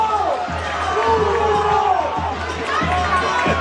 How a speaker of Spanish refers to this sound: El grito de las preferencias fue muy claro y contundente.